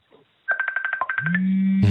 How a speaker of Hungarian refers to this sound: Csörög a telefonja? Nem, kinyomtam már.